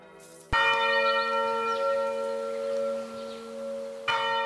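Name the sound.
church bells ringing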